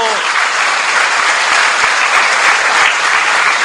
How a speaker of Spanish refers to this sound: ¡Espárense todas las catequistas! ¡Démosles un aplauso!